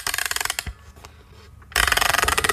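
A music box is wound up with rapid, rhythmic ratcheting clicks, a bright grinding rasp that pauses for about a second with a faint tick, then resumes louder.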